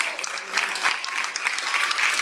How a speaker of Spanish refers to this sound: Si ese aplauso es para mí, es mucho. Pero si es para Cristo, déselo fuerte.